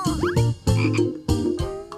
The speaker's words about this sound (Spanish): Es el de una rana.